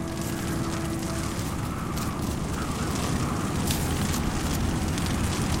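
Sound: hail falling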